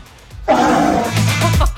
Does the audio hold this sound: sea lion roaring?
yes